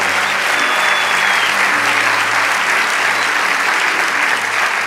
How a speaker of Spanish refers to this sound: Vamos, dale ese aplauso a Rey de Reyes.